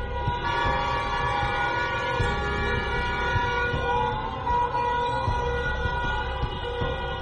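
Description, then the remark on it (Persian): A dense chorus of car horns blares steadily and loudly in the streets, drivers honking in protest at the killing of Mahsa Amini; many overlapping tones held without a break for the whole stretch over a low rumble of street noise. No one speaks. “برخی از مردم در خیابان‌ها صدای بوق خودروهایشان را به نشانه اعتراض به قتل مهسا امینی به صدا درآوردند.”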